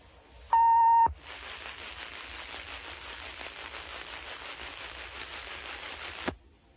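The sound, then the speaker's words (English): A loud, steady emergency broadcast test tone, part of a station's 60-second test of the emergency action notification system, sounds for about half a second, then cuts abruptly into several seconds of even, hissing static before stopping suddenly. No one speaks. “For the next 60 seconds, the station will conduct a test of the emergency action notification system.”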